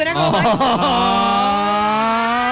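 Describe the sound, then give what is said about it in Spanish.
A voice imitates a friendly car horn honk, a 'friendship' honk, starting with a few wavering bleats and then holding one long, steady, buzzy tone, loud. “Y no les ha pasado que hay pitos que denotan emociones. Ese pito de amistad es lindo.”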